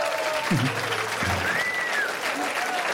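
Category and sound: crowd, audience applause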